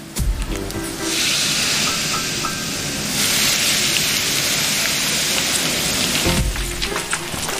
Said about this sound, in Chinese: 鱼骨煎至焦黄，搭配陈皮熬汤